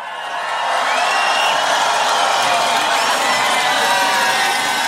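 A large festival crowd at Tomorrowland cheers and roars continuously to welcome a special guest, a dense wash of shouts and whoops that swells up in the first half second and then holds loud and steady to the end.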